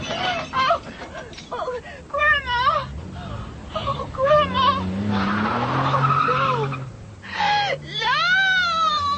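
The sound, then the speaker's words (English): Tires squeal in loud, wavering shrieks as a car skids and hits a woman, with a rough, noisy burst midway as the car spins and turns over in the air, before the screeching resumes. “The car hit her. The car spinning, turning over and over in the air.”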